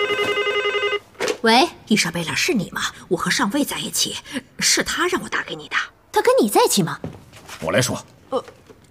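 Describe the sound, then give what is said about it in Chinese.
A telephone rings with a steady, electronic warble for about a second, fairly loud, then stops as a man starts talking over the quiet that follows. “抱歉，上将，我先接个电话。”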